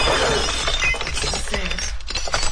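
Drinking glasses shatter in a loud, sustained crash, with bright tinkling shards and scattered clinks continuing for a couple of seconds before fading into rattling fragments.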